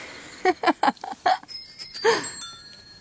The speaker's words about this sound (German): Auf jener Straße klingeln gleichzeitig drei verschiedene Radler. Der mit dem dunklen Ton ist der letzte und hat bereits Licht.